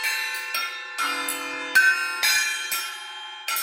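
Church bells ring on Christmas Day in quick succession, first one bell and then more, several strikes overlapping in a bright metallic peal with long ringing tails, steady with no voices.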